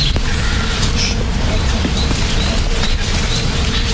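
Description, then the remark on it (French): A steady, continuous low hum of hundreds of honeybees buzzing and foraging on the flowers of trees, unbroken for the whole stretch, with a few faint high bird chirps scattered over it. “Des centaines d'abeilles qui sont en train de bourdonner, qui sont en train de butiner.”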